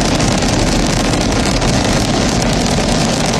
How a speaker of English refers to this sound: Ignition. And liftoff. Go Falcon, go Dragon, and go Crew 13. Crew 13 carried by Dragon Brace to the International Space Station. Copy, 1 Alpha. engines on the first stage at maximum thrust of 1.7 million pounds.